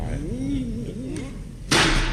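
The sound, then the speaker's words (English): A voice murmurs, then a single loud, heavy knock from a tremendous-sized brass door knocker carved with a lion's head lands on a door on a wet night, its booming thud lingering briefly to the end. “Tremendous-sized brass knocker on this door.”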